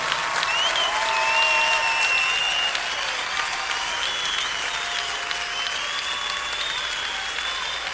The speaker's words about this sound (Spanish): Oh, dale al Señor un aplauso como Él merece.